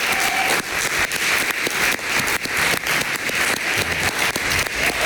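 Steady, loud audience applause welcoming a guest, a dense crackle of many hands clapping at once with no voices over it, holding at an even level throughout.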